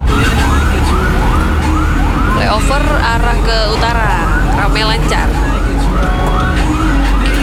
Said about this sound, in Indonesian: Terdengar ini ya, background-nya ada suara ambulans juga. Kayaknya ke selatan itu Pak ya.